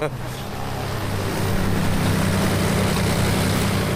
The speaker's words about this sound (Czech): 4 nastartovaná letadla zní na zemi před hangárem takto.